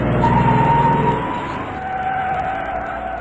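A truck's brakes screech in a loud, sustained high-pitched squeal that wavers slightly over a heavy low engine rumble, then fades a little as the truck, carrying stones in its bed, slows and stops abruptly. No one speaks.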